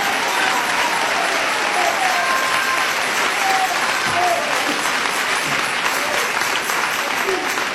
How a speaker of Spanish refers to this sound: Dele ese aplauso a Jesús, hermano. Dele ese aplauso al Cristo de la gloria.